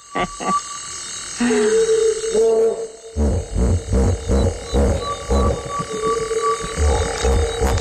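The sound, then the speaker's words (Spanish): Deep, resonant hippopotamus grunts roll out in a rapid series of loud, honking pulses, rising and falling in rhythm, with a thin steady insect-like hum running behind them. “Y no había visto hipopótamos, o sí, a mi manera, de oídas.”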